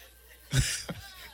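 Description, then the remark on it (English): A sharp, harsh cough bursts out, followed quickly by a shorter, weaker second cough, with no talking around them. “She coughing, got flu, you gonna kick out the bed.”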